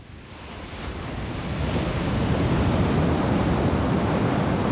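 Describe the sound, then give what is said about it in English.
Ocean waves break steadily on a beach at Sunset Point, a broad continuous wash of surf that swells louder over the first couple of seconds and then holds, with a low rumbling undertone and no voices. “Sebastian and I sat there and you know, kind of cried and hugged on the beach. Watch the waves”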